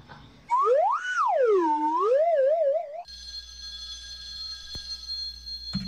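A phone rings with a loud electronic tone that swoops up and down in a warbling melody, then changes into a steady, buzzy trill that carries on to the end.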